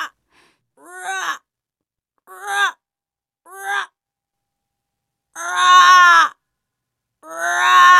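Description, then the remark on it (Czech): Ravens call five times in a slow, uneven series, each a drawn-out, mournful cry, the last two louder and longer, with silence between calls and no talking. “Jednou uviděli tři havrany. Nebyli černí, ale sněhobílí. Pak zaslechli jejich zpěv.”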